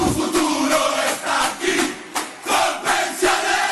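A stadium crowd cheers in a loud, continuous roar, surging and swelling in waves with brief dips between bursts of shouting.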